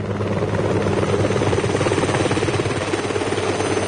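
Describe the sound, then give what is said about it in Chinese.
A helicopter lifts off from a rooftop platform, its rotor chopping in a steady rapid beat under a loud engine whine that holds constant throughout, with no voices. “直升机拔地而起，很快便消失在特警队员们的视野里了。”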